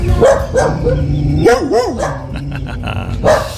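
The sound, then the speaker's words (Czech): A dog barks several times, loud sharp barks in an uneven rhythm with a couple of quick higher-pitched yips in the middle, over a low steady background hum. “Dneska je Mezinárodní den psů, psíků, hafanů, štěkáčů, jak chcete.”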